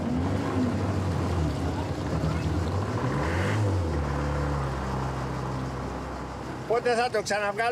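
A small boat's motor churns and sputters, its pitch rising and dropping unevenly as it fails to start and catch into a steady run; a man's voice cuts in near the end. The boat is heading for the sheltered harbour of Aegina town.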